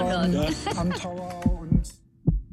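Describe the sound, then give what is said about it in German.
A short musical sting with bright harmonic tones fades into deep, thumping heartbeats, pairs of low thuds near the end, loud; the heartbeat jingle of the Bayern 1 radio segment "Herzklopfen". “Herzklopfen auf Bayern 1.”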